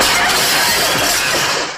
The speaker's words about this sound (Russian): Семен Семенович случайно разбивает стулом окно.